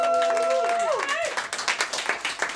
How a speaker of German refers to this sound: Ja, dann großer Applaus